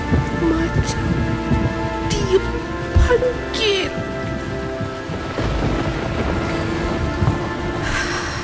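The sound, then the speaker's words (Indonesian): Heavy rain pours steadily through a thunderstorm, with deep rumbles of thunder rolling underneath; a voice briefly speaks over the downpour. “Setiap bunyi ombak besar. Badai. Aku dengar.”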